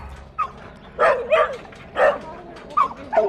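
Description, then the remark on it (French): A young Staffordshire terrier at a dog shelter barks in short, sharp bursts, about six yips and barks spread unevenly over a few seconds, with a low background rumble and a faint whine between them. “Le jeune Staffy qui est ici a été réquisitionné à ses propriétaires pour diverses raisons.”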